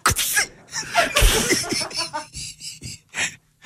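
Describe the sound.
A sharp, breathy burst like a playful mock sneeze shaped like a word, followed by a string of short bursts of laughter and gasping breaths, fairly loud.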